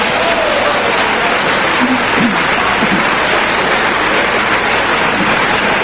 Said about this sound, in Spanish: Todos lo quieren aplaudir, denle un aplauso más fuerte al Señor ahora.